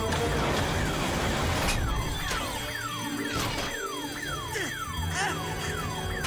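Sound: security alarm going off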